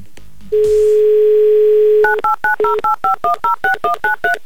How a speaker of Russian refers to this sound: Все, набираем цифры и снова перевернем песочные часы, чтобы дождаться ответа